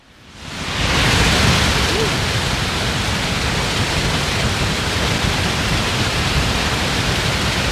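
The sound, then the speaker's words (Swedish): A powerful, continuous roar of water rushing down the falls at Trollhättan as the large dam gates are opened during the Falls Days, swelling up in the first second and then holding steady and loud, with no voices. “Ja, så här har det låtit under ekot här för bara några minuter sedan när det har forsat på.”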